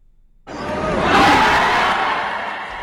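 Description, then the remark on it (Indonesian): A crowd of thousands roars and cheers at a professional boxing match, an Asian Boxing Federation (ABF) Diamond belt bout, at GOR Terpadu Ahmad Yani, the noise swelling suddenly from silence into a loud, sustained wall of voices that peaks and stays dense. “Gemuruh sorakan penonton mewarnai pertarungan dua petinju profesional ini.”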